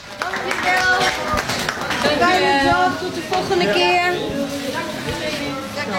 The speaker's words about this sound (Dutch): Schouders naar achter, armen los en applaus voor jezelf.